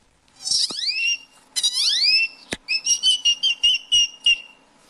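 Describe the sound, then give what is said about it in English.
A boy whistles, imitating a bird's call, with two long rising squeals, a sharp click, then a quick run of about eight short, shrill chirps. It sounds loud and piercing, with no talking. “When I was 4 years old at the zoo, I started mimicking this great toad Greffel that was bothering my sister.”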